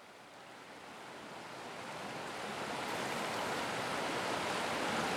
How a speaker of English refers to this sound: a recording of him and his two children returning to a favourite spot on the Turkey River, throwing rocks, collecting splash sounds and a few other observations.